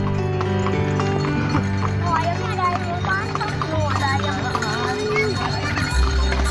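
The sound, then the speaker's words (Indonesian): Horse hooves clip-clop steadily as a delman, a traditional horse-drawn carriage, rolls along, clear, with voices and busy street noise mixed in around them. “Delman adalah kendaraan transportasi tradisional roda 2, 3, atau 4 yang tidak menggunakan mesin tetapi menggunakan kuda sebagai penggantinya.”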